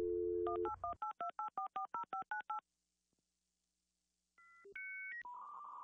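A steady telephone dial tone hums for about a second, then about a dozen quick touch-tone beeps are dialed, followed by a pause and a few rising electronic phone tones.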